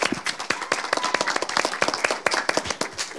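A group of people clapping, with dense, irregular sharp claps overlapping steadily throughout at moderate volume, like a small audience applauding.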